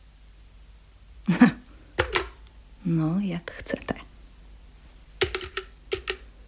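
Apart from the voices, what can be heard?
telephone being dialed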